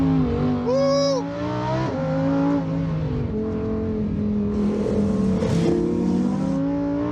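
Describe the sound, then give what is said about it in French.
A car engine revs hard and accelerates very fast on a road that is usually open to traffic, its pitch climbing and dropping through gear changes. The sound is loud and continuous for the whole stretch. “Ça va très vite sur une route qui d'habitude est ouverte.”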